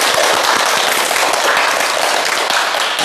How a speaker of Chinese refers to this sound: 哎，不错啊，大家给他鼓掌。